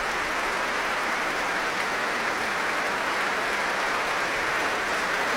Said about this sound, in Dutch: En nu ook applaus voor de verschillende muzici van het Concertgebouworkest.